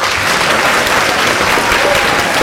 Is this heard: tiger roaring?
no